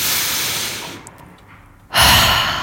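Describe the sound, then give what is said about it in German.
A close, breathy inhale, a brief held pause, then a strong whooshing exhale, one deep breath in and out with no speech. “So Leute, jetzt nehmen wir uns mal kurz einen Moment und atmen einmal zusammen tief durch.”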